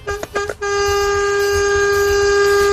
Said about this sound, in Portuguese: Aê, misericórdia, esse povo quer matar os outros, é de susto na estrada, não é possível, essa buzina aí, você vê 4, 5 segundos buzinando, imagina alguém que tá passando na frente ali, rapaz, toma um susto danado, brinca assim não.